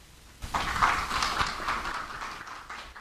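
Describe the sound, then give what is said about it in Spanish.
After a brief quiet moment, an audience breaks into applause welcoming a speaker to a presentation, a dense, steady patter of many hands clapping that holds fairly loud and eases off slightly toward the end. “un aplauso para él.”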